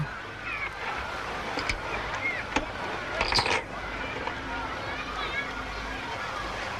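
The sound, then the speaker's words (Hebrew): Sea waves make a steady, hissing wash that never lets up, with faint murmuring voices and a few brief sharp clicks mixed in. “איזה כיף לשמוע גלים.”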